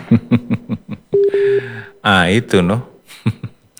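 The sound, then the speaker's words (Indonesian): A brief, steady electronic ringing tone sounds for about half a second between bursts of people talking, loud, like a phone signalling an incoming call. “Jangan Bapak telepon, Pak. Kita lagi dapat gabung. Ada yang telepon”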